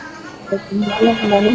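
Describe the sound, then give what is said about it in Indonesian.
A phone rings with an incoming WhatsApp call, its melodic ringtone starting after a brief pause and stepping through bright, clear tones, fairly loud. “Kita terima yang mana dulu ini, saya bingung. Terima lewat telepon WA-mu dulu, Dik.”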